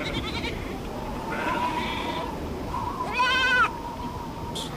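Sheep bleat several times over steady outdoor ambience at Ojos de Agua, a small rural spot in Patagonia, with one louder, wavering bleat standing out near the end and fainter calls earlier.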